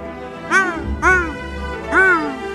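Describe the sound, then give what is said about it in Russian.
A person imitates seagull cries with three loud, nasal, rising-and-falling calls spaced about half a second to a second apart, with no other sound around them. “Чайки. Это чайки были? Вы не узнали чайки?”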